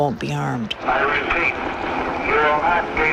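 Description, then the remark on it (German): A steady helicopter drone fills the background while a distorted loudspeaker voice booms announcements over it, repeatedly telling people to surrender with raised hands and nothing will happen to them, echoing as if broadcast outdoors across an open area. “Und alles, was man währenddessen hört, ist ein Hubschrauber und eine Lautsprecherdurchsage, die immer wieder verkündet: Ergeben Sie sich mit erhobenen Händen, dann wird Ihnen nichts geschehen.”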